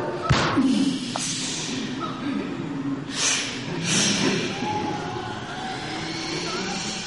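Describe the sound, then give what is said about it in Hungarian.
A single sharp gunshot cracks out at the start, its boom fading into a rumbling outdoor background, followed later by a couple of softer whooshing bursts. The shot kills some small wild animals. “Az anyja istenit elárultad magad a lövéssel.”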